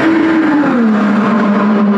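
A loud engine of the 2028 IndyCar (IR28), driven by Alexander Rossi in testing on the Indianapolis Motor Speedway oval and heard from the Turn 2 viewing mounds, roars in a steady, high-pitched drone whose pitch drops partway through as the car passes, with no voices.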